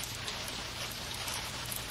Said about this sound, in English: Well, another rainstorm is happening here.